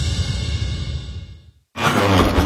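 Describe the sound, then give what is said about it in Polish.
Heavy, breathy panting from a man rearranging furniture in children's rooms, a long rasping exhale that fades into a brief pause before another loud, noisy breath starts up. “a co ty tak sapiesz?”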